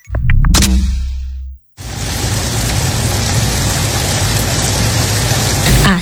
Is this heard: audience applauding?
no